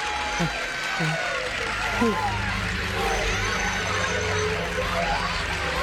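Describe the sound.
A crowd applauds steadily for several seconds, a dense wash of clapping mixed with loud chatter and a few raised voices.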